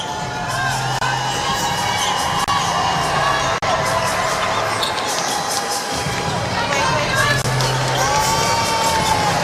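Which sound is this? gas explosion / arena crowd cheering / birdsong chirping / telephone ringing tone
arena crowd cheering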